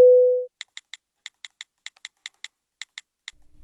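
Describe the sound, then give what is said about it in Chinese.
A loud, steady phone tone sounds for half a second after the call is hung up, followed by about fifteen quick, irregular clicks like typing on a keyboard. No one speaks. “好，那挂了啊。”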